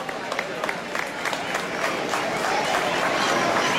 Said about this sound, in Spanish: Por favor, si podéis ir subiendo. Un fuerte aplauso para todos. Un fuerte aplauso para ellos, por favor.